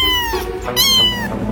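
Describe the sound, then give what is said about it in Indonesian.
A cat meows twice in quick succession, fairly loud, with bright harmonic, rising-and-falling calls and no talking. “Mereka bisa menghasilkan hingga 100 jenis suara yang berbeda. Mulai dari mengeong, mendengkur, chirping, trill, hingga suara-suara unik lainnya.”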